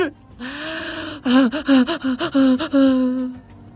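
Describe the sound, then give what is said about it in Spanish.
A person makes anxious, voiced gasping breaths: one long drawn-out gasp, then a rapid string of about ten short, choppy gasps, loud and alone, performed deliberately as an imitation of their own anxiety breathing. “Es mi respiración de ansiedad.”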